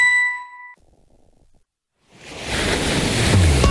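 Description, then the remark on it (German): A single bright chime rings out and fades, then after a brief hush the steady wash of sea waves swells in and rolls on, fairly loud, with no one speaking; evoking a mild May evening on the glittering Mediterranean Sea. “Chefin, stell dir vor, ein lauer Maiabend, das Meer glitzert.”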